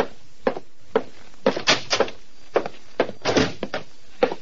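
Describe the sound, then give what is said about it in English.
A heavy oak door to a private office is handled, with a quick series of knocking thuds and rattling clunks as it opens and swings shut, no voices present. “The buzzer sounded, and Titus Wolfe, secretary to Vincent DeWitt, nodded toward the heavy oak door.”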